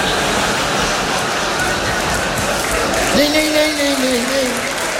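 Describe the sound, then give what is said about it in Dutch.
An audience claps steadily, a dense, fairly loud wash of applause that continues throughout, while a single voice briefly calls out over it toward the end. “Nooit voor jezelf klappen, maar dat is.”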